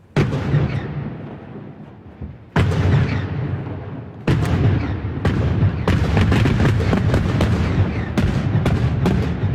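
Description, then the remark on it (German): Rock blasting explosions at the construction start of the Morschach tunnel, part of the new Axen road, on a rock face above Lake Uri between the cantons of Uri and Schwyz, Switzerland: a series of heavy booms, each followed by sustained rumbling, then a rapid volley of sharp, overlapping bangs and cracks builds toward the end. No voices. “gerade am Anfang mit einem rechten Klopf, oder besser gesagt, mit ein paar Klöpfen”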